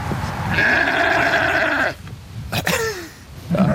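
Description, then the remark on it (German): One of three sheep behind a small vegetable farm in a residential area of Bubach-Kalmesweiler, near the busy B10 road, gives a long, loud, wavering bleat lasting over a second, followed by a shorter bleat and the start of another, with outdoor background noise between calls. “zwischen der vielbefahrenen B10 und diesen 3 Schafen ohne Namen, da wächst das Gemüse von Lukas Brill”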